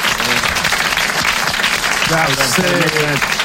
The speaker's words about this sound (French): Vous l'applaudissez très fort. Bravo, l'abbé.